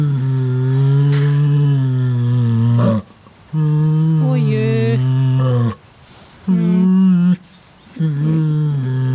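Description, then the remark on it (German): An Asian black bear at the Neunkirchen Zoo hums and growls in four long, low, droning bouts with short pauses between, the tone steady and resonant with a rough edge. A voice briefly exclaims. “Ja, das war ein Kragenbär und der summt und brummt so ganz gemütlich vor sich hin.”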